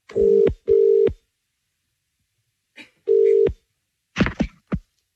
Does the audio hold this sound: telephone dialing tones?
yes